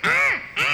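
Two quick, harsh, raspy bird calls from a motmot, the first drawn out and dipping, the second following after a brief gap, loud and close with no talking.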